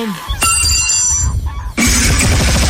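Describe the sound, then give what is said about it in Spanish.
A motorcycle engine, nicknamed "La siete polvos", starts up, sputtering with a low, rough chugging and a shrill mechanical whine, then surges into a louder, steady rumble near the end. “Vamos a ver si ahorita sí me prende la moto.”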